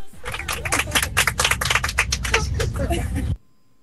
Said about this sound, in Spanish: ¿200 personas había? Esos aplausos no son de 20, ni siquiera de 20, parecen dos personas. 200 personas había ahí.